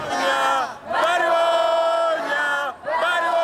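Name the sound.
protest crowd shouting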